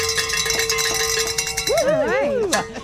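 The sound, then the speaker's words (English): Handbells ring in celebration of a radio station reaching its goal from callers, in a quick, steady jangle of repeated strikes with sustained bright tones, then a voice whoops and cheers over the ringing near the end. “Oh, we've got something to celebrate. Yay. Grab your bells.”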